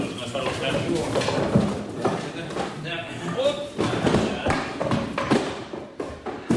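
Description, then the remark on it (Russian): A wooden crate covered in German-language stickers and marked in Russian "Careful, eggs" is shifted and opened, with a string of hollow knocks, thuds and clattering bangs. People can be heard talking underneath. “Самого ящика. Немедленно, осторожно.”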